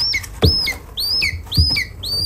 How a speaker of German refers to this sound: Ja, so klingt ein Schreiadlerküken. 26 davon sind Ende letzten Monats geschlüpft und werden jetzt bis zur Auswilderung in einer Aufzuchtstation in Potsdam wieder fit gemacht.